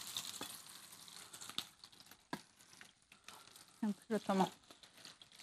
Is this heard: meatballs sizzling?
yes